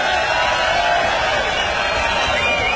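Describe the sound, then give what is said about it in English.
A large crowd at a live music show screams and cheers for a guitarist in one loud, continuous roar, with high-pitched shrieks and whoops layered over a dense wash of voices that holds steady throughout. “… on the guitar, y'all give him a scream.”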